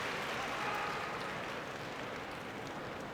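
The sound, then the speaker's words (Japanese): A crowd at a sumo bout applauds steadily for Aichi-born wrestler Fujiryuga after his win, a dense wash of many hands clapping that stays loud and even throughout, with no voices standing out. “地元愛知出身の藤龍我に大きな拍手が送られています。”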